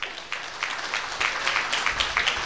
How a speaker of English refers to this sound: I want to thank the fine folks at Angry Troll. Let's go ahead and give them a big round of applause.